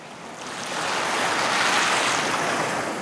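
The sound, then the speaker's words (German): Indian Ocean surf washes steadily against the shore of Lamu, an island off the Kenyan coast, a broad hissing roar that swells gently and stays fairly loud throughout, with no voices present. “Lamu, eine Insel vor der kenianischen Küste im Indischen Ozean.”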